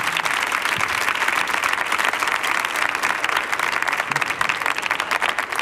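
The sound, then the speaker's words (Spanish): Sustained applause from an audience, a dense, even wash of many hands clapping at once, steady and fairly loud throughout with no voices standing out. “Si aplaude uno, aplaudimos todos, porque días no más hay, ¿eh?”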